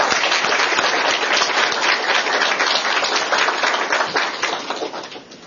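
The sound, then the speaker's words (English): A crowd applauds the expert panel at a Stimson Center event on the costs of the Iran war, a dense wash of many hands clapping at once that holds strong for several seconds before gradually thinning and fading out. “If you could give them a round of applause, that'd be great.”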